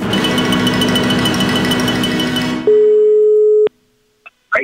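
After a stretch of dense, noisy rumble, one steady mid-pitched ringback tone from an outgoing telephone call to a farmer, at 10 in the morning, sounds loudly for about a second. It cuts off into silence, broken only by a couple of brief soft noises.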